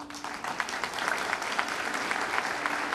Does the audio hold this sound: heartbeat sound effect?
no